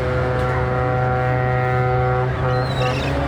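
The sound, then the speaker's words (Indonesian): A Chinese ship carrying rice approaches the dock from afar, its deep, steady horn blaring continuously over a low engine drone. The sustained tone is loud, with faint higher whistling creeping in near the end. “Hingga pada hari keempat, mereka menunggu, dari kejauhan terlihat sebuah kapal Cina pengangkut bahan baku beras menuju dermaga.”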